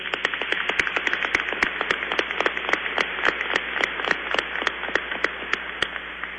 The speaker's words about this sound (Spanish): Les damos una bienvenida con un fuerte aplauso.